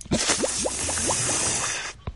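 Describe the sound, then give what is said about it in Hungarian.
Wine gushes from a barrel tap in a steady stream for about two seconds, with gurgling plops that rise in pitch as the vessel fills, then cuts off. “Mi van abban a hordóban? Várjál csak. Azt hiszem, bor. Nézd, rajta van a csap, én mindjárt megkóstolom.”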